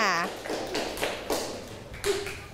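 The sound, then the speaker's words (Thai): A small bell is tapped once, giving a short, bright ping, while a woman talks over it; the bell is tapped to call Grandpa to come and help. “อย่างที่เพื่อนบอกไปแล้วเวลาเมฆกับตะวันเขาทะเลาะกันเนี่ยก็จะได้เคาะกระดิ่งเลยเพื่อที่จะเรียกคุณปู่มานั่นเองค่ะเพื่อให้คุณปู่เนี่ยมาดูแลมาช่วยตะวันกับเมฆนั่นเองค่ะ”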